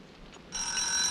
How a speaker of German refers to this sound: Es klingelt, mein Kleiner. Genau, es klingelt.